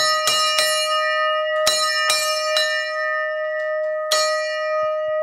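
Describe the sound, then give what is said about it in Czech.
A forged bell-metal bell on the Kozubová lookout tower rings out loudly, struck about six times in an uneven rhythm, each clang leaving a bright, sustained ringing tone that hums on between strikes. “Byl, ale tam se už něco pokazilo na tom, takže udělali, že to není plechovy, že to je kuté. Ze zvonoviny. Tak schválně, jak se zvoní na Kozubové.”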